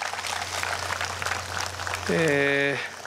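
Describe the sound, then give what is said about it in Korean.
A steady wash of crowd clapping at a lotus festival, applauding two Buddhist diocesan head monks, runs throughout, dense and crackly, and near the end a brief sustained tonal sound, like a voice or a ringing note, rises over it. “저 멀리 제주도 그리고 안동에서 이렇게 와주셨는데 두 분 교구장 스님께도 큰 박수 한번 감사합니다.”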